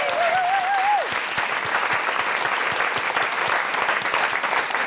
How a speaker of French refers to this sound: Un applaudissement s'il vous plaît pour le restaurant de la Poste à Anzer. Bravo. Qui nous nourrit toute la semaine.